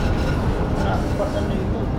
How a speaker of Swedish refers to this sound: Han vill lyssna på hur det låter i vändslingan. Nu åker vi in i slingan här. Jag gillar när vagnarna gnisslar så att jag vill lyssna lite på det också. Men den här gnisslar inte så mycket.